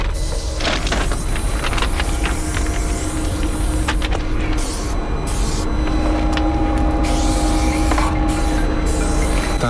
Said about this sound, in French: Il arrive en voiture, le sécu. Ah, c'est lui là-bas, tout au bout.